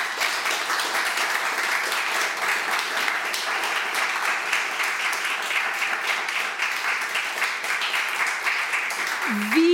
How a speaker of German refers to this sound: An diese tolle Runde einen großen Applaus, bitte.